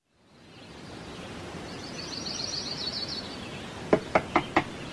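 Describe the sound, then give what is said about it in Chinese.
Early in the morning, four quick, sharp, urgent knocks rap on a door near the end, following a few seconds of steady ambient hiss with faint birdsong chirping. “第二天清晨，急促的敲门声打断了廖运周的美梦”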